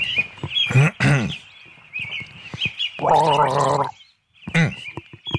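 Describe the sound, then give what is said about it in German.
Someone gargles a short, non-classical tune of three notes, the bubbling throat sound rising and falling in a few pitched phrases, fairly loud, with a steady high whistling tone running underneath. “Du bist ein bisschen, bist schon sehr knausrig geworden beim Gurgeln.”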